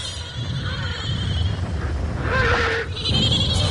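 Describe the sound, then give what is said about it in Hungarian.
Horses scream and neigh against a constant rough, windy background, with one shrill, strained cry standing out loudly near the middle. No one speaks. “Kísértett ordítás, ez a veríték is kiverpedi. Pedig hát nem emberek, csak lovak.”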